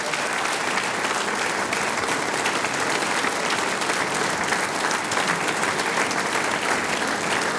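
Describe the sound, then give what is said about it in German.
Sustained applause from a crowd for a boy who plays as a defender for FC Trofeiach, a dense, steady wash of many hands clapping at even loudness for several seconds, with no speech. “Und jetzt kriegst du einen großen Applaus.”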